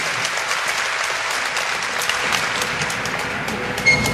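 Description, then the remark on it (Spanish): An audience applauds the Lord at the close of a prayer, a dense wash of many hands clapping steadily at an even level for several seconds, with no voices heard over it. “Démosle un aplauso a nuestro Señor.”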